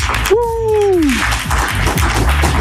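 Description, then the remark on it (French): Dense, steady crowd applause for the first contestant of a game on radio ici Pays d'Auvergne in Issoire fills the whole stretch at a loud, even level, with a short falling whoop or whistle rising above it near the start. “Et notre première candidate à Issoire, mesdames et messieurs, on l'applaudit bien fort,”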